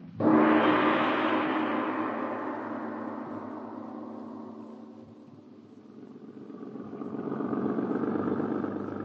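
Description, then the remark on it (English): A car engine roars up loudly, then gradually fades as the vehicle pulls away, before the engine rumble swells again near the end. No one speaks. “Listen. A car.”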